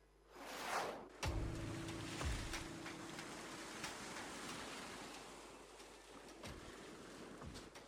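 Sea waves roll and wash steadily beside rocks as a group walks alongside the surf, with a surge building early on and a constant hiss of surf throughout. A faint low hum drifts in briefly near the start. No one speaks.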